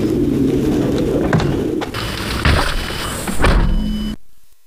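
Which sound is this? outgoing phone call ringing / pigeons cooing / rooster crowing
pigeons cooing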